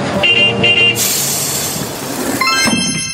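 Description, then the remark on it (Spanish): A bus horn sounds in two short honks, then a rushing engine roars up and a brighter horn blast rings out near the end over the running engine. “¡Súbete al mix del autobús!”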